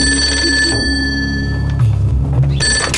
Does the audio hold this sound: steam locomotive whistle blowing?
no